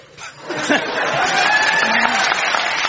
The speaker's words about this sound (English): When you get applauded for alliteration, you know you're listening to BBC Radio 4.